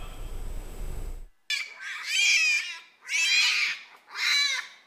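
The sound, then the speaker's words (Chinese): Newborn Siberian tiger cubs, a few days old, calling in an incubator in the nursery room at the Heilongjiang Siberian Tiger Park, China: three loud, wavering, high-pitched cries, each about a second long, following a brief low rumble at the start, with no talking. “还未走进育幼室，一声声稚嫩却洪亮的叫声便穿透门缝。”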